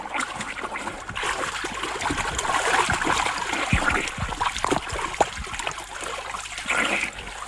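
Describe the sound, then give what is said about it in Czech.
Continuous water splashing and sloshing, with irregular slaps and churning as a person swims through a river toward a man in a small boat, steady and fairly loud without a pause, and no voices. “Už k vám plavu.”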